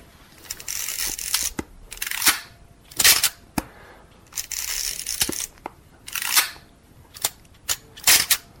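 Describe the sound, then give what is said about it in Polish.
An old film SLR camera's old, primitive shutter clicks sharply several times at irregular intervals, with scratchy mechanical rustling and winding noises between the snaps and no voices. “Ale tu już stara prymitywna migawka przy jednym 30 sekund już, także nie masz do roboty z lampą, się nadaje przy jasniejszy świt.”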